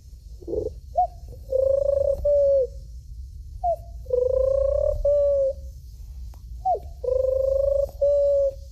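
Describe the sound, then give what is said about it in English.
A 12-year-old boy imitates a pigeon's cooing: three fairly loud throaty coo phrases, each a short note followed by longer warbling hoots, spaced a second or so apart against quiet background noise. “And a pigeon.”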